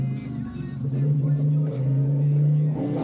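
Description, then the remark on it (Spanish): A small kart engine being bench-tested runs loud at a steady, buzzing pitch for about three seconds, its tone dipping briefly before climbing again near the end as it revs. “Se nota que hay carrera el domingo de karting, ¿no, Brasilá? Escuché a mi hijo, está banqueando motores acá.”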